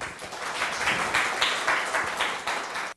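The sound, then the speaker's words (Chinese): An audience claps steadily for about three seconds to welcome the first speaker of a lecture session on Taoism, a dense, even patter of many hands that holds its level and then cuts off abruptly. No one speaks over it. “好，那我们热烈掌声欢迎”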